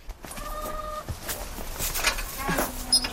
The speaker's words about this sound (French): On a juste une quarantaine de poules, puis un coq qui a son harem. Donc vous les avez pour les œufs, évidemment. Oui, pour les œufs, puis aussi pour la viande.